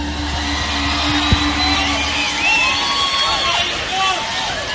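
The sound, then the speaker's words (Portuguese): A large audience applauds and cheers loudly and continuously for Jesus at a worship gathering, a dense wash of clapping with shouts and whoops rising over it, filling the whole stretch with no one speaking. “E aplauda Jesus mais uma vez, bem forte.”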